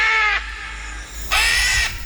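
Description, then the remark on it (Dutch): Two loud, harsh screeching calls of a green-winged macaw, a parrot, the first short and the second longer after a pause of about a second, with no talking. “Het is een papegaai, een groenvleugelara.”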